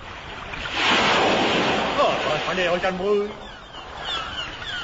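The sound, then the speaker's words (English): A loud, rushing wash of ocean waves with gusting wind in mid ocean swells up and sustains, then continues more faintly beneath voices speaking over it. “Mid ocean. And still 1,000 miles from London.”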